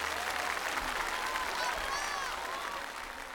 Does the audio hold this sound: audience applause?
yes